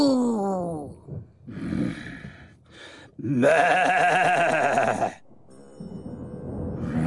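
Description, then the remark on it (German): A person imitates a cow's moo with drawn-out, wavering vocal calls, including one long loud lowing sound in the middle, followed by a softer breathy exhale, done as a way of breathing away anger. “Wir atmen die Wut jetzt einfach weg, wie eine Kuh. Mu.”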